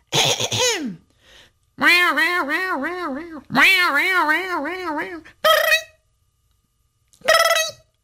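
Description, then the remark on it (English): A human voice imitates a cat's yowling song: a falling wail, then two long wavering meows with a rapid up-and-down pitch warble, followed by two short sharp yowls, loud and alone. “You see, my master didn't like when I'd sing on the fence like this.”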